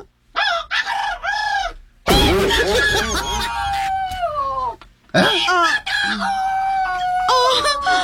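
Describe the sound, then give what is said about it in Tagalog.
Loud chicken sounds: short clucks at the start, then a long, strained rooster crow, followed by another burst of clucking and a crow, filling the whole stretch with little pause. “Napadyo ko na ang mga manok. Ha? Manok! Tingog manok!”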